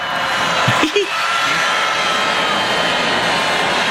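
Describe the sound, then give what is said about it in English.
An audience boos loudly and steadily at a speaker on stage talking about AI, a dense roar of many voices that never lets up, with a brief single voice rising out of the crowd near the start. “He got booed so badly.”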